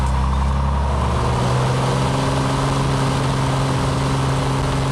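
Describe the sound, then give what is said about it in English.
The engine of a small six-seater plane drones steadily and loudly on a 2 to 3 minute flight carrying a student to school, a continuous low hum with a broad roar over it, unchanging throughout and with no voices. “It's a little plane. It only takes like 2 to 3 minutes.”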